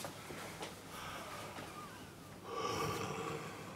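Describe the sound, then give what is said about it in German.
A patient takes deep, airy breaths in and out through an open mouth while a doctor listens to the lungs, with a louder, rougher exhalation near the end and no talking. “Können Sie das T-Shirt einmal ein bisschen hoch machen und dann mal mit geöffnetem Mund tief ein- und ausatmen, bitte?”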